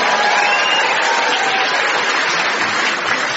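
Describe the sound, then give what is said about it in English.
A steady, loud burst of audience applause mixed with sceptical muttering, given as a welcome for a new employee, dense and unbroken, with faint murmuring voices blended underneath the clapping. “Ladies and gentlemen, let's give Tom the traditional warm welcome of the British for the new employee, which is applause mixed with sceptical muttering.”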